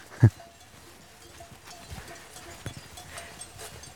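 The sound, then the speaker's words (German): Cows grazing outdoors on a mountain pasture: one sharp thump at the start, then faint scattered hoof knocks and soft clinks over a quiet, breezy background. “So, jetzt müssen wir hier auf die Weide. Erfahrungsgemäß interessieren sich die Kühe ja nicht für uns.”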